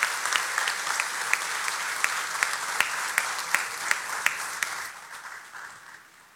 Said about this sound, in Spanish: Y quiero un aplauso, por favor, para mis amigos de la prensa.